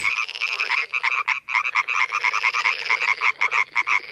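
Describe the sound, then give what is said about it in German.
A dense chorus of male frogs giving mating calls, produced in the larynx and amplified with the mouth as a resonance chamber, croaking continuously, many overlapping rapid calls forming a loud, pulsing trill with brief dips, no voices present. “Sie kommen von den männlichen Tieren und die erzeugen die Töne im Kehlkopf und nutzen den Mund als Resonanzraum zur Verstärkung.”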